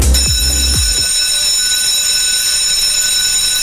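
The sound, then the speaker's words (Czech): A school bell rings loudly and continuously, a steady shrill electric ringing that starts with a few low clanks and holds unbroken to the end, with no voices. “jaký zvuk je podle vás typický pro školní prostředí?”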